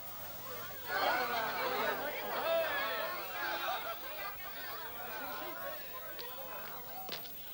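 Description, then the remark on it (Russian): A dense crowd chatters continuously, many overlapping voices blending into a steady murmur with no words standing out, plus a few brief sharp clicks near the end. “Ну вот, Петр исчез в толпе.”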